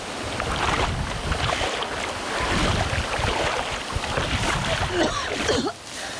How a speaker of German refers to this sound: Ich muss jetzt erstmal aus dem Wasser hier raus. Lass uns ans Ufer schwimmen.